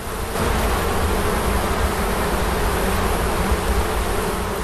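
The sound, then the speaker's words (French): A dense, steady hum of many bees buzzing together, loud, continuing without a break for the whole stretch with no voices. “Grâce à sa diversité géographique et climatique, le pays du Cèdre abrite une des faunes d'abeilles sauvages les plus diversifiées au monde.”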